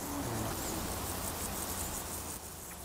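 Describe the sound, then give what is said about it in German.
A nightingale grasshopper stridulates in a meadow, a steady dry buzzing chirr over soft outdoor ambience, with no talking. “Auf der Wiese aber verraten sie sich durch ihren Gesang. Hörst du, hinten ist es. Das ist der Nachtigallgrasse vor Ort.”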